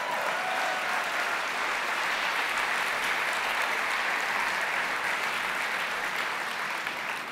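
Steady, dense applause from an audience, a continuous wash of many hands clapping at an even loudness for several seconds, with no voices standing out.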